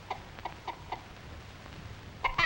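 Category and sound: animal, hen clucking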